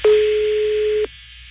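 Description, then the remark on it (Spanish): One steady, low-pitched telephone ring tone holds for about a second over faint line hiss, then cuts off, as heard by a caller waiting for a woman to answer her phone; she does not answer. No one speaks. “Está sonando el teléfono de la señora. Pero no contesta, güey.”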